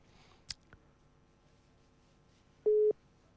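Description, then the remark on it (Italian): A single short, steady electronic telephone ringing tone on an outgoing call sounds loud and clear after a couple of faint clicks, against a quiet background with no one talking. “Adesso sta squillando, come potete sentire.”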